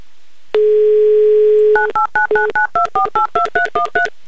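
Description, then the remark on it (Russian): A steady dial tone hums for about a second, then a quick, even run of about twelve beeping touch-tone telephone dialing tones follows as a call is placed to Saint Petersburg, loud with no voices. “звоним в город на Неве, звоним Екатерине прямо сейчас.”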